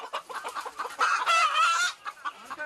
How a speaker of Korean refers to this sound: 이곳에서 키우는 닭이 좀 생소한 닭이라고 합니다. 이 닭인가요? 它下的蛋的营养的价值就相当于跟鸽子蛋的营养价格价值是一样的。 작은 체구에 독특한 외모를 가진 귀비닭입니다.